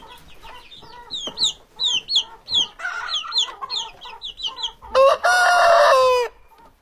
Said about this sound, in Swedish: Oj. Här har vi kycklingar.